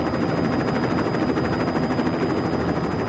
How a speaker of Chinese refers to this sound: 为了实际记录基拉维亚火山的活跃喷发，我们坐上直升机，冒险前进地球上最危险的火山口。